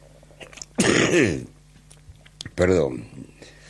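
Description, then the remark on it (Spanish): Two loud, explosive sneezes a second or so apart, each a sharp breathy burst with a voiced, falling cry, separated by quiet background hum, from a person who has caught a cold. “Será un estornudo aislado.”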